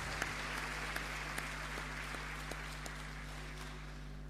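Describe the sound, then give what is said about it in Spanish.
An audience applauds the grandmothers and great-grandmothers for several seconds, a steady wash of clapping with a few sharper individual claps standing out, over a low electrical hum, with no one speaking. “Bien, levanten la mano, un aplauso para las abuelitas, las bisabuelitas.”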